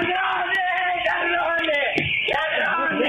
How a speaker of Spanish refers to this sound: Así gritaba la abuela de 82 años cuando veía que no eran empleados del Banco Nación ni amigos de su hija, sino que eran delincuentes que se habían apropiado de los dólares, de los ahorros de toda la vida.